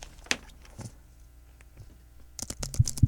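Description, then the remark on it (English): Computer keyboard typing, quiet: a couple of isolated keystrokes early on, then a quick burst of several clicking keys near the end, with no talking. “Can they hear me typing?”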